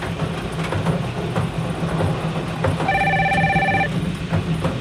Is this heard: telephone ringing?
yes